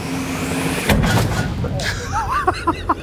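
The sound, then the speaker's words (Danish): A single heavy tank cannon blast goes off, a sharp boom followed by a rumbling tail, with faint voices and chatter around it afterward. “Og skal vi så ikke lige finde ud af, om de rent faktisk får skudt med sådan en... tank.”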